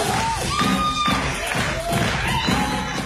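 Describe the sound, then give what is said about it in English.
A lively crowd cheers and claps at steady, loud volume, with shrill whistles sliding up and down over the dense roar and scattered thumping beneath it. “Clap, clap, put your hands together! Clap, put your hands together!”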